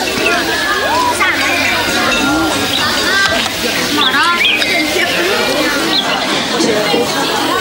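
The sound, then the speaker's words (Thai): Water splashes and sloshes steadily as children draw water from a well with buckets and pour it, at a temple, ready for water play, mixed with a lively babble of children's voices and occasional high squeals. “สำหรับเด็กๆแล้วดูเหมือนจะไม่มีอะไรสำคัญเท่ากับการตักน้ำที่บ่อน้ำเตรียมพร้อมสำหรับการละเล่นที่กำลังจะดำเนินต่อไ”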